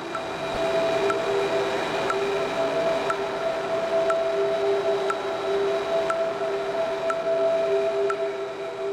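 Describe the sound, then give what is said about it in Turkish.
A steady electric whine of an automated train moving off automatically once all its doors have closed and locked, layered tones humming evenly, with faint clicks ticking about once a second like wheels over rail joints. No voices. “Ancak tüm kapılar kapanıp kilitlendiğinde tren otomatik olarak hareket edecektir.”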